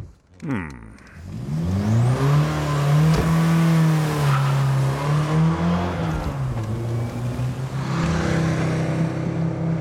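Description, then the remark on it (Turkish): A Ford Sierra's engine revs hard and accelerates as the car is driven, its loud, steady drone rising and holding, with brief dips in pitch as it shifts before climbing again. “Hayır, üzgünüm ama bu arabayı bu şekilde sürmek gerekiyor.”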